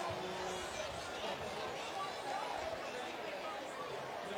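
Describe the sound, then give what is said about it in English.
A steady, dense murmur of a nearly full baseball crowd at TD Bank Ballpark at night, during the seventh inning, many overlapping voices blending into an even wash of chatter at moderate level with no single voice standing out. “A great crowd here tonight. Their best crowd of the week, and it's been a pretty good week of attendance here at TD Bank Ballpark, but pretty close to full”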